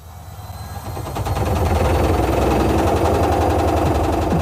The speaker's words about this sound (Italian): Ancora con quella vecchia lavatrice che balla il tip tap? È ora di cambiare musica.